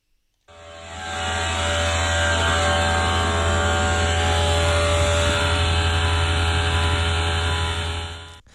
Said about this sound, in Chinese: 很明显啊，你的前面的那个散热器的风扇啊，进入全功率状态了。